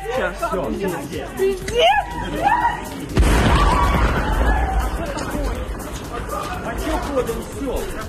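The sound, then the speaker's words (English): People murmur and call out on a railway station platform at Yahudun, close to the Polish border, then a single sudden explosion bursts in, loud and broad, followed by a long rumbling roar that lingers under the continuing voices. “An explosion could be heard from a platform at Yahudun, close to the Polish border.”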